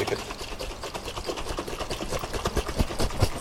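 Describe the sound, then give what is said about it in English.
A slightly fizzy fermenting drink, not yet very alcoholic, is shaken in a container, producing a rapid, steady rattle of sloshing liquid and bubbly hiss that builds slightly louder toward the end, with no voices. “But if you shake it...”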